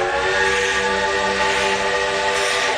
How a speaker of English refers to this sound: When Mr. Gentile decided to go by train to Denver, Colorado, Carlos stood in astonishment as the huge black steam engine thundered up to the station.